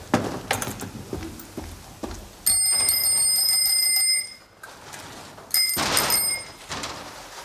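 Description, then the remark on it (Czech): Bicycle bells, tested by the manager of a shop selling new bicycles, ring out in two bright, sustained bursts of rapid metallic trilling, each lasting over a second, with softer clicks and rattles in between. Nobody speaks. “Já jsem vedoucí, já zkouším zvonky.”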